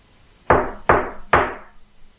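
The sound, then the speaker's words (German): Three firm, evenly spaced knocks on a front door, each a sharp hollow thud with a short ringing decay, loud, with no voices. “Da hörten wir laute Männerstimmen vor der Haustür. Es klopfte.”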